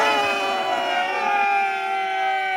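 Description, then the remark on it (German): Fans cheer on their team with a loud, sustained blare of horns, several steady tones layered together into a dense droning wall of sound that holds without a break. “Mit diesem Jubel können unsere Burschen doch nur gewinnen, oder?”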